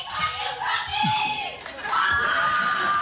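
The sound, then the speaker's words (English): A live crowd shouts and cheers loudly, with overlapping voices and high-pitched whoops rising and falling, a dense, continuous roar of excited audience noise. “People come out and they come out loud.”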